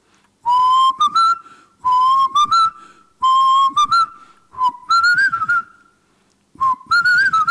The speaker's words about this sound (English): Whistle!